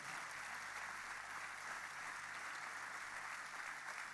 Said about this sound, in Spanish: Fuerte ese aplauso a ese nombre.